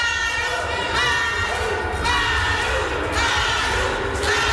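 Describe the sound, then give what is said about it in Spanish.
A loud crowd of protesters at an airport shouts and chants continuously as Morena leaders Ariadna and Andy López Beltrán enter the terminal, voicing support for governor Maru Campos; many voices overlap in rising and falling waves of yelling, with a few sharp cries standing out above the steady roar. “también su apoyo a la gobernadora Maru Campos, lo que expresaron con gritos al momento en que los líderes morenistas ingresaban a la terminal aérea.”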